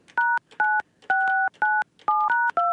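A quick string of about seven telephone keypad tones dialing a phone call, each a clear, steady dual-pitched beep with short pauses between, loud with no talking.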